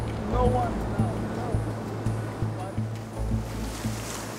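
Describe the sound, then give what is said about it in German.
Ocean waves surge and wash against rocks in a steady, roaring rush of surf, with a low rumble underneath and faint voices briefly audible through the noise. “Wellen angucken, Welle kommt, wir müssen hochrennen. Und wieder runter.”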